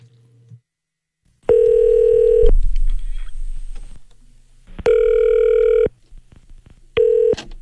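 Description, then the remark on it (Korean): A phone line rings back in steady electronic tone bursts, three of them separated by pauses, with a few brief dialing beeps and faint low background noise at the start, as a Far East Broadcasting radio producer phones a listener. “자, 이 시간에 예전에 저하고 통화가 된 분인데 교회를 갔다는 소식을 제가 접해서 이분 한번 전화 한번 해보겠습니다.”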